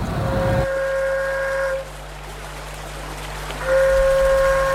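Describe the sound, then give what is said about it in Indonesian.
A traditional paret flute, blown to call buyers to goods for sale, sounds two long, steady, reedy blasts at a middle pitch, separated by a short pause, over a low background rumble with no voices. “Maka kemudian seruling paret ini ditiupkan untuk menarik minat atau pelanggan untuk membeli bawa barang bawaan mereka.”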